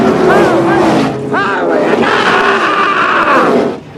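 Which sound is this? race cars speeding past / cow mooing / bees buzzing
race cars speeding past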